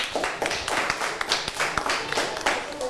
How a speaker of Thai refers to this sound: ปรบมือให้เพื่อนกลุ่มที่4ด้วยค่ะ